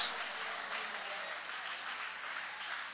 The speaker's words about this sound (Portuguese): Guarda a Bíblia com carinho e aplaude a Deus com alegria. Aplaude mesmo o nome de Jesus.